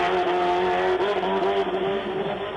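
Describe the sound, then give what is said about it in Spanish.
A rally race car, number 408 driven by Mario Choque, roars loudly and steadily as it drives past at El Tejar, its pitch shifting slightly, with a hint of tire noise and no voices. “Coche en el Tejar, coche a la vista, pasa Mario Choque, el bólido 408, el coche bambino también entre el Tejar y la plaza.”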